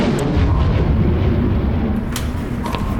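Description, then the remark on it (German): A loud, deep rumble of thunder rolls on steadily for a few seconds, heavy in the low end, with a couple of brief crackling flickers riding on top. “Ich hab Donner gehört.”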